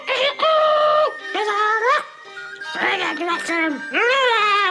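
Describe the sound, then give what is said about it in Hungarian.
A person imitates a rooster crowing in several drawn-out, sing-song bursts with rising and falling pitch, loud, with brief pauses between calls. “A kakas meg még egyszer tüzetesen körülnézett, majd nagy büszkén megint az ajtóban, megcsavargatta a szárnyát, lábujjhegyre emelkedett és nótára gyújtott.”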